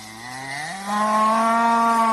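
A single loud ox moo, low and drawn out, swelling and rising slightly in pitch partway through, with no one speaking.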